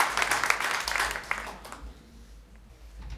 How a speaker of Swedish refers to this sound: Tusen tack för den varma applåden.